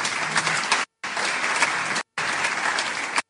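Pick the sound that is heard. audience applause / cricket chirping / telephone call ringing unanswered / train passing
audience applause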